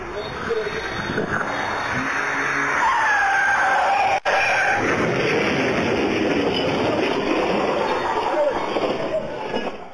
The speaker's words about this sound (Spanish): El auto que circulaba a alta velocidad perdió el control, se estrelló contra un poste y terminó volcado.